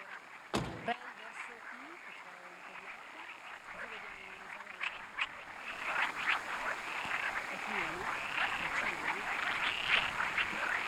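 A dense outdoor chorus of frogs croaking continuously in a rice field, steady and fairly loud, with a sharp knock near the start and faint background murmur.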